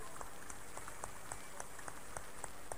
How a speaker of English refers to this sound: Clap for Jesus.